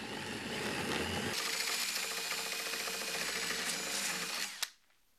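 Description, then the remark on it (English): A power drill runs a larger hole saw through wood inside a template guide to enlarge a hole, a steady grinding whir with a rasping bite that sharpens after a second, then cuts off with a clack into silence. “Now, all we have to do is put the larger hole saw inside the template and drill.”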